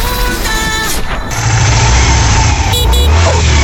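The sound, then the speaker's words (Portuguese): A motorcycle engine rumbles loudly, its low, steady drone filling the whole few seconds with a rough, continuous roar and no one talking. “Ô, Bolota, de novo atrás de moto, rapaz?”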